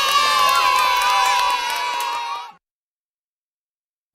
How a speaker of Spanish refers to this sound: Y ahora el aplauso más grande de todos, para ti.